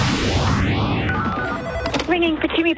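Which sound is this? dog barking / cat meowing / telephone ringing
telephone ringing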